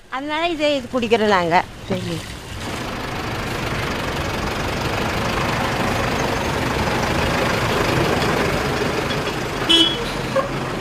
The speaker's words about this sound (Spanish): continúa haciendo su ronda con el camión cisterna